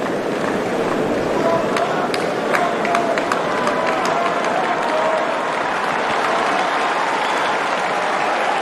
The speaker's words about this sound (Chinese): 现场的观众也是在给费里加油鼓劲儿。